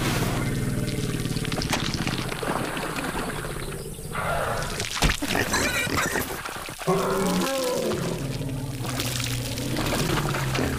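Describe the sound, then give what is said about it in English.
Steady wet sloshing and squelching as warthogs wallow in a cooling mud bath, with a few sharper splashes and slaps breaking through the continuous churning of thick liquid. “Warthogs like nothing better than a cooling mud bath, especially one prepared earlier.”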